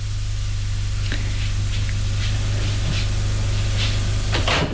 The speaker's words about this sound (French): Elle ouvre une porte. Entrez.